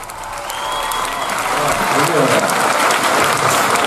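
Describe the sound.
An audience at a live music show in a club applauds, a dense, steady wash of clapping that swells slightly and holds loud throughout, with faint voices and a hint of music mixed underneath.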